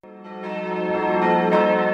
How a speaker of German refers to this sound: Das Glockengeläut der Benediktinerabtei Plankstetten ist schon von Weitem zu hören, idyllisch gelegen am Rande der Oberpfalz.